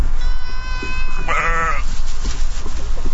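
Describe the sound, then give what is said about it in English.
Goats and hundreds of sheep bleat outdoors while eating invasive plants and dry grass, one wavering call stretching into a loud, quavering bleat, over a steady hiss of open-air background noise. “Goats are out here too, along with hundreds of sheep.”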